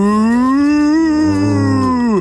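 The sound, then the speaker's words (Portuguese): A person imitates a cow's moo with one long, loud, drawn-out low tone that holds steady for about two seconds before cutting off, with no other talking. “Isso é uma bobada, você não é uma vaca.”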